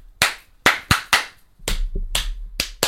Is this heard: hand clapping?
yes